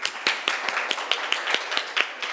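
A group of people applauds, steady overlapping claps forming a bright, rhythmic patter with sharper individual hand slaps standing out at a brisk pace, without any talking.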